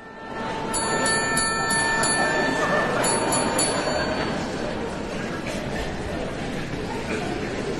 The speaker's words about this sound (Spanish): percusionista Alfredo Anaya actúa como solista junto a la orquesta dirigida por el maestro Miguel Roa, convirtiendo el cliqueteo y el campanilleo de una clásica máquina de escribir en un instrumento sinfónico de alta precisión.